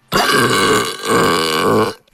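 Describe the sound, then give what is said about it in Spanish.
A loud, drawn-out belch sound effect, croaking for nearly two seconds with a brief dip midway before rumbling on and cutting off. No other sounds or voices. “Déjame el eructo.”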